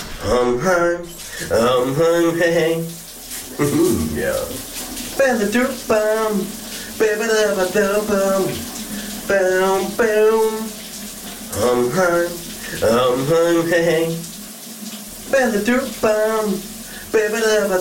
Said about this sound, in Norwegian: Og under bruseren hos min kollega